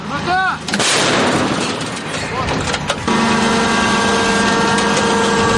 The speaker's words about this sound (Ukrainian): Почули якусь стрілкотню, зараз чатує мобільно-вогнева група.